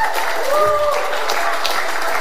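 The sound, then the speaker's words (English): An audience claps loudly and steadily while voices shout and cheer over the applause, giving the Lord a hand clap and a shout of praise; a dense, continuous wash of hands and raised voices. “Just take 3 seconds and give the Lord a loud hand clap and a shout of praise.”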